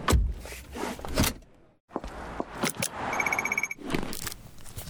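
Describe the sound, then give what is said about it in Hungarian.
A quick series of mechanical clicks and rustles as a car seatbelt is buckled and a bike helmet is put on, then the rapid high beeping of a crosswalk button being pressed, with no talking. “Annyira magától értetődő, bekötni magad a kocsiban, megnyomni az átkelő gombját, feltenni a sisakot bringázásnál.”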